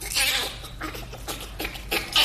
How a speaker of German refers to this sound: Und wir vergleichen das mit dem Lachen des Bonobos.